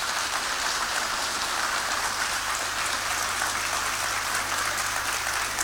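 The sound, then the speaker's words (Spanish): Loud, sustained applause from a crowd at a recognition ceremony in San Miguel, a dense steady patter of many hands clapping at once with no pauses, filling the whole stretch with an even, rain-like roar. “Fuerte el aplauso.”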